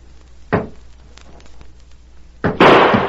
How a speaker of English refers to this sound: Damn! I fired point blank at that door. You can see where the bullet went through it.